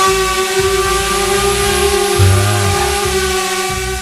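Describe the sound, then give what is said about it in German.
A drone flying overhead in the sky above a sunny meadow of tall grass: a loud, steady electric buzz with a layered, whining tone that holds throughout, wavering slightly in pitch around the middle over a low rumbling undertone. “wer fliegt denn da eigentlich rum mit so einer Drohne? Das ist übrigens das Geräusch, was wir gerade gehört haben”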